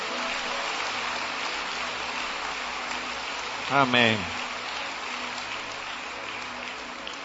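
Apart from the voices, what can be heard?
audience applauding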